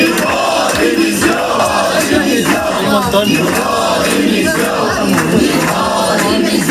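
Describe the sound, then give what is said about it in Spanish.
About a hundred protesting teachers, entering the Serveis Territorials d'Educació buildings in Barcelona, shout and chant demanding the resignation of consellera Esther Niubó, a loud, continuous roar of many overlapping voices with rhythmic surges and no pauses. “Inclusive un centenar acaba de entrar en los edificios del Serveis Territorials de Educació de Barcelona a gritos solicitando la dimisión de la consellera Esther Niubó.”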